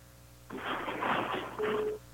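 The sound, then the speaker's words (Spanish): A telephone dials out on speakerphone, a burst of tinny, band-limited hiss carrying brief electronic tones for about a second and a half before cutting off. No one speaks. “A ver, vamos a poner acá el teléfono.”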